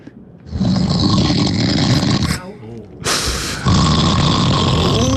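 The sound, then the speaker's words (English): A husband snores loudly while asleep, with long, rough, rattling breaths repeating in a slow rhythm and a brief pause between them. No one speaks. “He falls asleep so fast and it takes me hours to get to sleep after him because I've got to listen to his snoring.”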